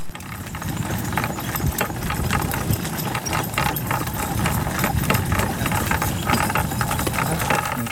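A horse pulls a cart with steady clip-clopping hooves and bells jingling at its neck, over a constant rumbling, rattling undertone, in a mountain area of the Khmer people. The sound stays even throughout, with no talking.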